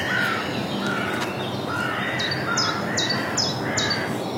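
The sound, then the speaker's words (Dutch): A blue tit calls a quick run of about five high, thin, evenly spaced notes over a steady roar of background traffic with fainter bird sounds mixed in. “Pimpelmees.”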